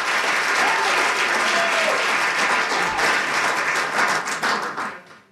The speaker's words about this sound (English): But how about a round for applause for our... There we go. That's what we're talking about.